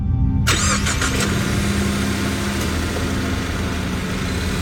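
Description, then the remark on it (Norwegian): After a brief moment of quiet, a car engine cranks and catches, then settles into a loud, steady rumble as the car, carrying a man with the police, begins to move out onto a wintry road. No one speaks. “Så satte han seg inn i bilen sammen med politiet, og så svingte de ut på vinterføret.”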